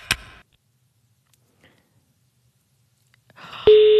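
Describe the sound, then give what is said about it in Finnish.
A brief click, a few seconds of near silence, then the ringing tone of an outgoing call to South Karelia, placed at 6:45 on a July morning, starts: a steady, fairly loud electronic beep that holds through the end. “Tämä puhelu menee nyt Etelä-Karjalaan.”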